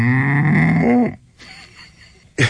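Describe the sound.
A man's voice does a loud, low, droning imitation of a cow mooing, one sustained moo lasting about a second, then it fades into quiet with a brief sharp sound at the end.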